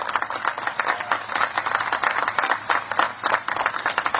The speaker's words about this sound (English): So let's give a big round of applause to the entire faculty and staff that made this possible.